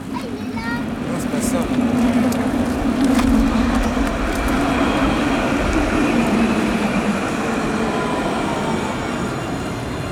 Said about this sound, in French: On s'est donné rendez-vous à Épinay-sur-Seine, sur la ligne du tramway, à un carrefour très emprunté, près de l'arrêt Rose-Bertin.